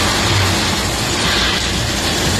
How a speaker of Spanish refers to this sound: Y un sonido que sigue repitiéndose, el de la tarde de ayer, las tormentas que volvieron a La Rioja.